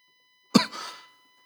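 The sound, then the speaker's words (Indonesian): A single sharp, fairly loud cough with a raspy breathy tail trailing off after the initial burst. No talking. “saya batuk dulu.”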